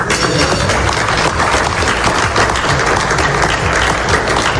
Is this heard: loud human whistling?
no